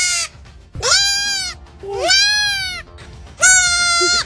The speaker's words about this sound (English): Brianna, who knew that that was, in fact, a baby goat